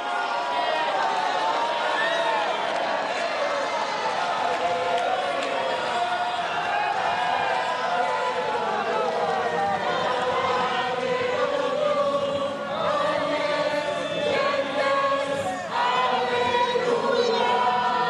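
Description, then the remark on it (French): A large crowd in Notre-Dame Cathedral in Paris cheers and shouts joyfully as Pope Leo XIV comes down from the podium toward them during solemn vespers, a dense, sustained roar of many voices at steady loudness, with no single speaker standing out. “Et puis il va s'avancer vers la foule qui évidemment crie sa joie.”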